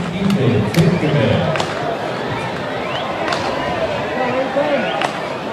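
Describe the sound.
A large crowd at a baseball game at night murmurs steadily throughout, a dense wash of overlapping voices, with a few sharp claps or knocks popping out now and then.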